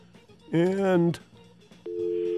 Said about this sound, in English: Do me a favor and hang up and dial me right back, because I think somehow I'm just getting a dial tone trying to bring you up.